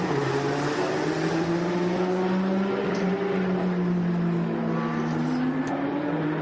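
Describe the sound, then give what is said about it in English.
A number 88 Porsche race car driven by Oleksiy Kirishenko drones loudly and steadily on track for several seconds as it tries to get through traffic, its pitch sliding slightly up and down as it holds revs, with no one talking over it. “It's Oleksiy Kirishenko in the double eight up to race Porsche, trying to get through some traffic.”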